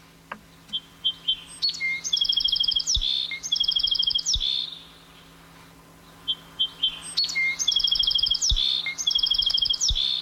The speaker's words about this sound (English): Oh, there's the sparrow.